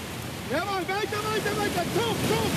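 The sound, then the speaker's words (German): A steady wash of ocean surf at a beach in Long Beach, California, where a national coastal rowing team is training, fills the background while a voice speaks over it, the roar of the waves continuing without a break. “Bundestrainer Adrian Bretting steht in Neoprenhose und klatschnass im T-Shirt im knietiefen Wasser und wartet auf seine Athleten”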